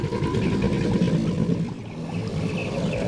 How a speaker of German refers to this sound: Die eigenartigen Paarungslaute der männlichen Alligatoren sollen Weibchen anlocken und Konkurrenten auf Distanz halten. Die gut 4 Meter langen Echsen erzeugen die tiefen Töne in der Lunge.